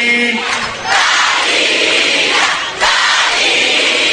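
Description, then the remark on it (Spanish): A large crowd in Argentina shouts "¡Dalí!" together in unison, a loud sustained roar of many voices that swells, dips briefly, and surges again over about four seconds. “Quería escuchar el grito de todos ustedes, de Argentina diciendo, ¡Dalí!”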